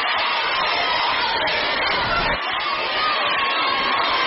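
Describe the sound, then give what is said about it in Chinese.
A large audience at a crosstalk comedy show cheers and shouts for performers Yue Yunpeng and Li Chen in a steady, dense roar that stays loud and unbroken for the full few seconds, with no one speaking over it. “哎，我这呼声好像比你有点高啊。”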